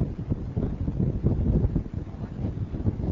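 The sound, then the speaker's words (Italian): Strong wind buffets the microphone in front of an engine room, a continuous, loud low rumble that surges and dips throughout, with no one speaking. “C'è un vento molto forte.”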